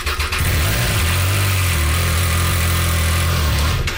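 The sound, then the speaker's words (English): A Triumph 660 Sport light touring motorcycle is fired up; its engine catches almost immediately and settles into a loud, steady idle, its low throbbing rumble holding even for several seconds with no voices present. “It's a light touring bike. Very nimble, very agile. Great for city and highway. How fast can it go? As fast as you want.”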